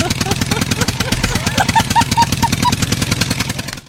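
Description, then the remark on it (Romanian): A red tractor's engine, just started, runs with a rough, rapid rhythmic chugging throughout, loud, with a few faint higher tones briefly over it; people's voices may blend in. “Doamne, da, ajută-ne că a pornit!”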